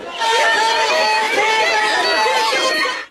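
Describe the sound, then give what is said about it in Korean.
A loud, dense crowd of protesters outside a stadium shouting slogans together as they follow National Assembly investigation committee members walking to board a bus, a continuous overlapping din of raised voices with no pauses, sustained for the full few seconds. “버스를 타러 이동하는 위원들을 따라가며 큰 소리로 구호를 외쳤습니다.”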